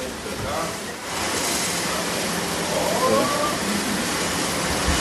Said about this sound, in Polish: Oj, tutaj będzie hałas. Nie wiem, czy coś będzie słychać, jak będziemy opowiadać, ale... Tu bardzo głośno. Tu pracują maszyny, które wybijają monety. Z maszyny wypada całe mnóstwo.